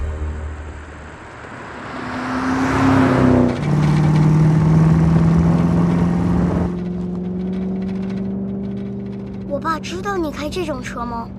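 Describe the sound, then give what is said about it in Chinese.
The 5.0-liter engine of a 1990s Ford Mustang, repainted and with a modified engine, revs loudly and climbs in pitch, then holds a steady, roaring drone before easing off; a voice briefly speaks over the engine near the end. “顺便告诉你，在90年代能开5.0升引擎的车是很了不起的，这车可是福特野马，所以稍微尊重点。”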